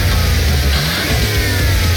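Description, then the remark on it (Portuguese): A car engine revs loudly and steadily for about two seconds, a continuous mechanical roar with a deep rumble underneath and no voices. “Me para de pensar naquele carro que viu na concessionária?”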